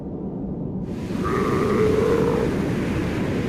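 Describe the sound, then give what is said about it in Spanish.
A seal of the Antarctic Southern Ocean, living between the ice and the ocean, gives a single drawn-out, bleating call with a wavering, slightly nasal tone, rising out of a steady low rumble of background noise and fading after about a second. “Entre el hielo y el océano, las focas esperan.”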